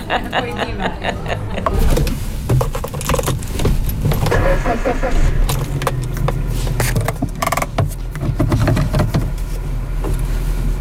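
A car is being driven, its low engine rumble steady throughout, while keys jangle and click in quick, irregular bursts over the road noise.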